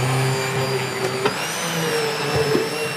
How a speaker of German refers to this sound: Zuerst kocht er in einem großen Topf Kartoffeln. Wichtig, sie müssen komplett mit Salzwasser bedeckt sein. Mit einem überdimensionierten Pürierstab mixt Markus Zimmer sie.